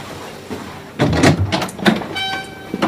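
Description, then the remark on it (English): A door slides open with a few quick, fairly loud rattling whooshes as a man strides out, followed by a steady high electronic tone that lingers to the end. No one speaks. “He strides to the door, maintaining his cool.”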